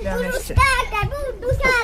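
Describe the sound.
Three children play in the water of a pool in the garden of a house in Jihlava, Czech Republic, their high-pitched voices calling out and chattering excitedly, with a few short, soft thuds mixed in between the shouts.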